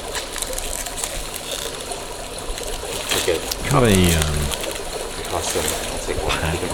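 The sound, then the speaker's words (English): Polystyrene cups squeak and creak as they are passed around among participants, each taking one in turn, with one loud, drawn-out squeal near the middle. Soft background noise and a few spoken words accompany it. “polystyrene cups is passed around all along. Each participant in turn takes one, passes on, takes one, passes on.”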